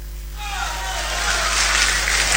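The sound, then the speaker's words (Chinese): Audience applause at a crosstalk (xiangsheng) show, welcoming a crosstalk performer onstage, builds after a brief quiet moment into a dense, steady patter of many hands clapping, growing fuller and louder and carrying on to the end. “哎呀，我怎么觉得今儿这掌声不太对劲儿啊？”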